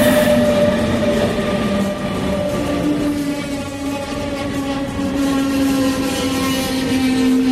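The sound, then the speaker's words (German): Two S-Bahn commuter trains pull into Pieschen S-Bahn station, a steady loud rumble with sustained tonal motor whine that shifts in pitch as they roll in, no voices heard. “Also wir stehen jetzt immer noch am S-Bahnhof Pieschen und gerade kommen zwei Züge ein.”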